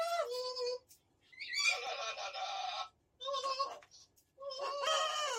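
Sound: bird squawking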